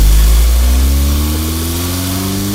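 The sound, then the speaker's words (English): A car engine is revved and rumbles loudly, its low hum climbing slightly in pitch as the vehicle starts to pull out of a house, with no voices present. “Pulling out of the house right now.”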